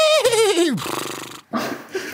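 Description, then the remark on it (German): A person does a loud vocal imitation of a horse whinny, a quavering pitch sliding downward, followed by breathy, snorting exhalations. “Deswegen nicht sagen, sondern wiehern.”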